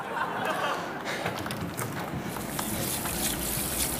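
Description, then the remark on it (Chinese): Steady running water hisses without a break, a broad, continuous spray of a shower streaming down while someone is taking a shower, with no talking over it. “我听不清，我洗澡呢。”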